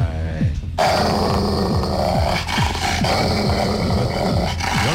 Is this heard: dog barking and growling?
yes